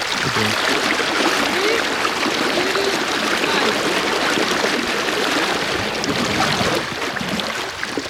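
The fast-flowing Meduna river, upstream toward the Dolomites, rushes steadily and loudly throughout, a dense, unbroken roar of churning water.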